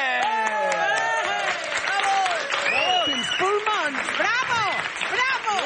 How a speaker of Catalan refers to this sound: Gràcies, gràcies. Gràcies pels seus aplaudiments. Gràcies a tots.